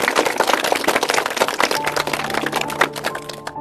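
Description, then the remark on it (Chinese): A group claps steadily to welcome a professor who is about to demonstrate a recitation, a dense crackle of many hands that stays loud for several seconds. Faint sustained tones creep in underneath partway through. No one speaks. “好，来，我们鼓掌欢迎。”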